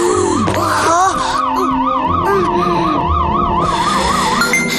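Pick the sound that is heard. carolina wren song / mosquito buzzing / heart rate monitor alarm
heart rate monitor alarm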